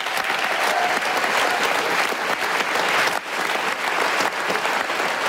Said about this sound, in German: Dieser Talk ist immer, wir stehen hier vorne und kriegen den Applaus, aber die machen die tolle Arbeit.